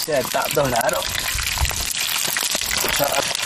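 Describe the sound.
Sewn offal frying in melted mutton fat in a pot on a stove of rough earth clods fuelled by dried cow dung: a steady, hissing sizzle, a continuous crackle running throughout, with a voice speaking over it at the start and again near the end.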